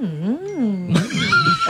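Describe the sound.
A person imitates cows conversing in a field: a drawn-out, low, wavering moo that slides up and back down, then breaks into a louder, raspier vocal burst.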